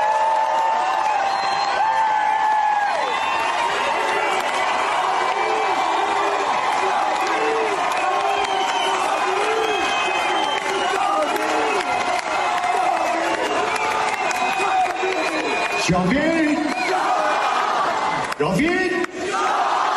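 A large crowd at a concert in Istanbul shouts "Javid Shah" together in unison as the singer unfurls the Lion and Sun flag, a dense roar of many voices chanting steadily for the full stretch, loud and reverberant, with no single speaker standing out.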